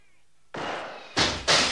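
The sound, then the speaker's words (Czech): Gunshots are fired loudly through a window: one sharp blast with a lingering crash, then two bright, quick shots about a third of a second apart. No one speaks. “Někdo po mně střílí oknem.”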